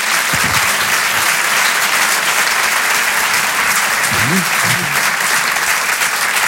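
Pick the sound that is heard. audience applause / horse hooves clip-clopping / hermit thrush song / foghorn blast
audience applause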